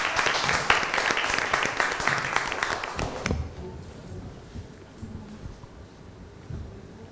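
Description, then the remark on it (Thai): A crowd claps loudly for about three seconds for the last group, group 6, about to present its work in class, a dense spatter of hand claps that stops abruptly, leaving quiet with faint shuffling and murmurs. “ไปพบกับการนำเสนอของกลุ่มสุดท้ายกลุ่มที่6ขอเสียงปรบมือด้วยครับ”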